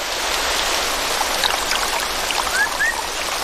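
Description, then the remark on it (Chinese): Steady afternoon rain and rushing, rising rainforest stream water make a dense, even hiss with no pauses. A few faint, brief rising chirps sound over it toward the end, and no one speaks. “下午的降雨拉低了气温，为马来熊提供了觅食的良机。”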